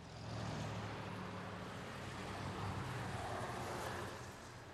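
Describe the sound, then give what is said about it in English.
A motorcycle ridden by a man roars past, a rough, steady drone with a low throbbing hum that swells slightly and then begins to fade. No one speaks. “that was your daddy that just drove by.”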